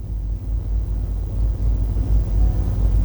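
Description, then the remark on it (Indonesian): Steady low rumble of road traffic at the Gatot Subroto Dalam four-way traffic-light intersection in Banjarmasin, South Kalimantan, monitored by police CCTV on Wednesday 24 June 2026; engines drone continuously with no distinct horns or voices as traffic flows smoothly in all directions. “Dan untuk yang pertama, kita akan lihat kondisi arus lalu lintas dari kawasan Banjarmasin di simpang 4 Gatot Subroto Dalam.”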